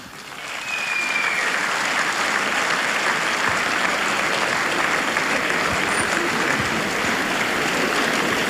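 A large crowd at a concert of the radio show Prijatelji, ostanimo prijatelji bursts into sustained applause as a guest comes on stage, dense steady clapping that rises quickly and holds at full volume for several seconds, with no voices clearly audible over it.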